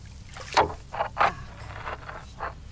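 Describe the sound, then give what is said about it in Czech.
A small ferry boat crosses a river, nearly halfway across where the water is about a metre deep, with water lapping and splashing in a few soft, irregular bursts over a low, steady rumble. “A my jsme skoro v polovině řeky.”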